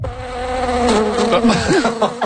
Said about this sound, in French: Bondé de moustiques. Oui, ça, ce sont des moustiques pour parler des joies du camping.